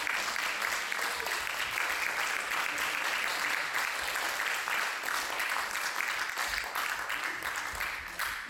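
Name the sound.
audience applause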